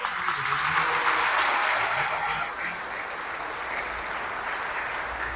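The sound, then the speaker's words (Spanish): A crowd claps steadily for the people from Camargo, a dense wash of many hands that stays fairly loud, easing slightly midway before continuing at a constant level with no speech. “Bueno, un aplauso a Camargo.”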